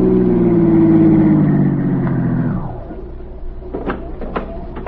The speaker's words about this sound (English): the same car stopped at the curb. A man stepped out.